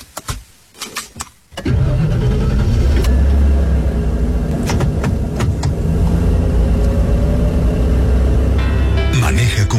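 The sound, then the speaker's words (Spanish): A few sharp clicks and rattles, then a car engine catches abruptly and roars to life, settling into a loud, steady rumble with slight rises in revs until the end. “Mami, antes que encendas el auto, recuerda que soy pequeño.”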